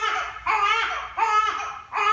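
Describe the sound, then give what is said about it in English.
A newborn baby girl who could not be consoled cries in three long, strained wails, each separated by a brief gasp for breath, loud with no one speaking. “That's the sound Jenny Lynn Walden's newborn daughter made for nearly 2 months straight.”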